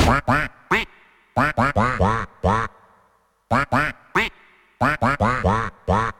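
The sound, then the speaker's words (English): A person mimics a duck, quacking into a microphone with a run of loud nasal quacks, delivered in quick clusters of three to five separated by short pauses, with no talking. “if anyone's wondering where we get that noise, that's just … quacking into the mic”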